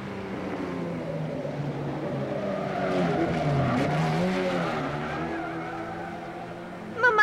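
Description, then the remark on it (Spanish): A car engine roars and rises in pitch as tires squeal through a sharp turn to the right during a timed drive over 50 blocks, a steady, loud run of several seconds ending in a sudden burst of noise. “¡Cárguense a la derecha! ¡Órale! Así evitaremos una furra y voltereta.”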